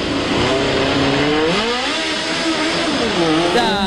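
A loud race car engine revs hard, its pitch sweeping up and down in rising and falling waves, with a brief burst of higher whine near the end.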